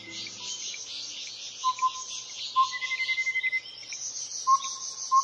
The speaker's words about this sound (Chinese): 你有多久没有听到像如此清脆悦耳的鸟叫声了呢？大自然的生命乐章，接下来要让你置身在宜兰的福山植物园。